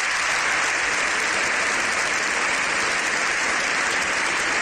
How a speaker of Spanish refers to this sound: con este hecho histórico, el Papa y su ovación.